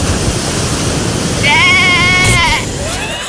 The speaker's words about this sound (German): Was macht das Schaf da? Wir sind halt doch in Südtirol, ja.